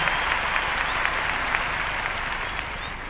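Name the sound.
audience applause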